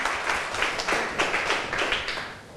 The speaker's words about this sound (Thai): ขอบคุณค่ะปรบมือให้เพื่อนหน่อยค่ะ